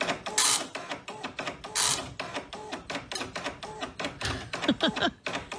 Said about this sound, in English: The dot matrix printer, where it took forever for anything to print.